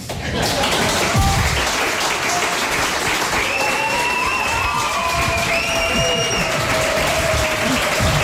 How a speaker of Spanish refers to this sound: recibidos en este reemprendimiento del programa con esta ovación tan espontánea.